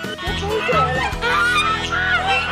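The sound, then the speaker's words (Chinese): A large, plump white goose honks loudly and repeatedly, its harsh nasal calls running together in a steady stream. Other goose voices may overlap in the flock's chatter. “鹅都长大了，越长越大。”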